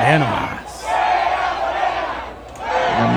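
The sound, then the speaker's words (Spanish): A large crowd at the Pancho Villa roundabout in Chihuahua, Mexico, chants and shouts together celebrating the Mexican national team's win, including the chant "fuera Morena", in a loud, sustained roar, with rising and falling waves of voices and a few sharper cries breaking through the din. “Al grito de fuera Morena, celebran chihuahuenses el triunfo de la selección mexicana en la glorieta de Pancho Villa.”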